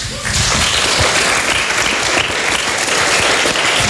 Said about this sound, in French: Donc pour le coup, on peut encore une fois les applaudir pour ça.